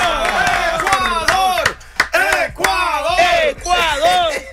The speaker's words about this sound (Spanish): ¡Viva Ecuador todavía! ¡Un aplauso, chico! ¡Vamos, Ecuador!